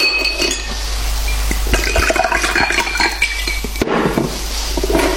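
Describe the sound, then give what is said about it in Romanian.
Whisky pours steadily into a glass with ice, a continuous liquid gurgle with a few sharp glassy clinks scattered through it and no voices. “Aiure, ia să o luăm cu whisky, că poate mai bine.”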